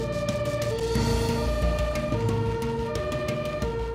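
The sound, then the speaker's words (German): An ambulance siren wails steadily and loudly, its tones shifting between pitches, with blue lights on as the ambulance weaves through dense rush-hour traffic in Wiesbaden, Germany, while drivers form an emergency lane. A constant low rumble of engine and road noise runs underneath, and no one speaks. “Wie fast immer sind viele Autofahrer unaufmerksam beim Bilden der Rettungsgasse, trotz Blaulicht und Sirene.”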